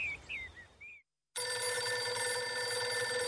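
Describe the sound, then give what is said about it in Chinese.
A few faint chirps give way to a brief silence, then an old telephone bell rings loudly and continuously, a harsh metallic jangle that fills the rest of the moment, as an observation post telephones Deng Baoshan at 9 a.m. “第二天上午9点，邓宝山布置的观察哨就打电话告诉邓宝山： 邓副司令，徐永昌在5分钟之前乘飞机走了。”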